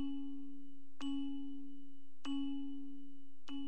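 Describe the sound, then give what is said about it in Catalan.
A church bell tolls three times at a slow, even pace, each strike sharp and bright before a long humming resonance that carries into the next, with no voices. “Sentir sonar campanes i saber per què repiquen.”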